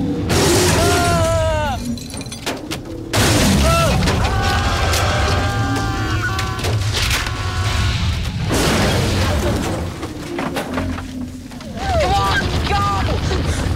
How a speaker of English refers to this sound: The small car sits perched on a branch as the rest of the tree hits the roof. It collapses and the windows shatter. The tree hits the trunk again and the car plummets to the ground.